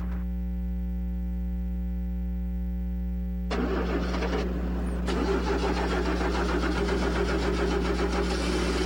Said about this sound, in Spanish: Ay, problemas con el arranque.